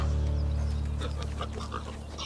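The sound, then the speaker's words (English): A boar pig on a farm grunts and snorts, deep rumbling vocalizations mixed with breathy bursts, steady throughout the short stretch over a low droning hum. “I'd rehired Ajax the boar”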